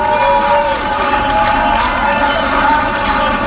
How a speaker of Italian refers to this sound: Grandi applausi, Free Palestine in aula.